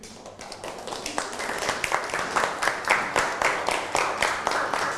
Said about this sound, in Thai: นั่งลงได้ครับปรบมือให้กับเพื่อน